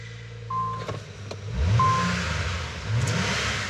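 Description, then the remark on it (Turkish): A car engine, just returned to factory settings, revs up twice, its deep rumble rising in pitch and loudness each time before easing off, with a couple of brief high beeps early on and no talking. “Sesi harika çıkıyor. Ama arabanın olayı sadece ses değil.”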